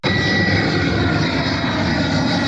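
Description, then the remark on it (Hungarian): A loud, steady roar of an airplane taking off or landing at Ferihegy airport in Budapest fills the whole stretch, a broad rumbling drone with a faint high whine running through it, no voices. “A 24.hu cikke szerint az úgynevezett mély alvási időszakban, vagyis éjfél és hajnali 5 óra között a megengedettnél több gép indul vagy érkezik Ferihegyre.”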